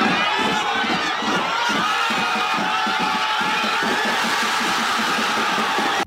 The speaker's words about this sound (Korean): 광장은 순식간에 환호성으로 뒤덮였습니다.